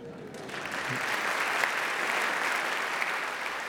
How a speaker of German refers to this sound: Wie der Applaus zeigt, schätzt das Publikum im HR-Sendesaal die Arbeit von … und der schätzt sich, wie er sagt, sehr glücklich, dass er dank der … mit einigen seiner liebsten Musiker zusammenarbeiten durfte.